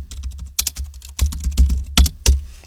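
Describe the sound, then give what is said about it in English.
Keyboard typing: a quick, irregular run of sharp key clicks and clacks, a few strokes louder than the rest, with no voices; someone typing the words "Hello, beautiful" on a computer keyboard. “thieves can work out what you're typing from the sound the keyboard makes”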